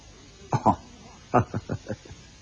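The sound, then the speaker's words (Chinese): A short pair of coughs, a brief pause, then a quick run of about five more, fairly loud, with no talking around them; the character Bei Haishi coughs while covering his mouth. “贝海石按住嘴咳嗽了几声，他却不回答。”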